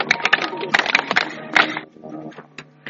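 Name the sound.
audience clapping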